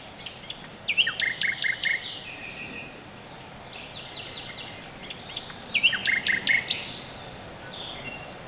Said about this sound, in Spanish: El ruiseñor común, el rasiñol, es capaz de imitar unos 60 cantos diferentes tras escucharlos apenas unas cuantas veces. Su voz suena tan fuerte que casi me retumba el pecho. Hay estudios que demuestran que los ruiseñores cantan a unos 90 decibelios.